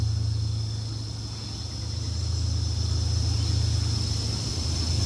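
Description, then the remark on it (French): Steady, close vehicle rumble with a low engine drone that dips slightly and swells again, under a constant high hiss, with no voices; it sounds like nearby road traffic going by. “Les voitures qui traversent au bord de mer, tout près.”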